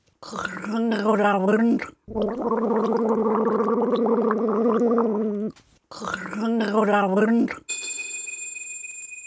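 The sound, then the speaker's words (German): A person gargles water while voicing German sayings as a guessing riddle, producing a wobbling, bubbly vocal sound in three bursts, with a high electronic ringing tone briefly at the end. “Macht euch bereit, wir setzen die Segel für das letzte Gurgelrätsel.”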